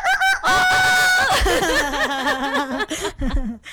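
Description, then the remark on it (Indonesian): A rooster lets out a long, loud crow, followed by a steady run of quick, close clucks from a chicken, with no talking over it. “Sampai, nah Bunda anak saya sekarang lagi belajar suara ayam gitu.”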